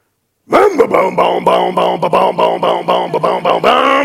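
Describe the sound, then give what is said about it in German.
A voice imitates a two-stroke chainsaw starting up: a loud, buzzing vocal drone that pulses rapidly and steadily for about three and a half seconds, holding a fairly constant pitch. “Achtung, mir startet die Zweitakter-Kettensäge.”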